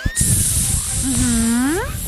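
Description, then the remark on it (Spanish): As part of a joke, a voice imitates the sound of vipers, a snake's hiss, with a long, steady sibilant 'sss' lasting about two seconds, joined midway by a voiced tone that glides upward in pitch before fading. “Imagínate, perrito, que el sonido de las víboras es”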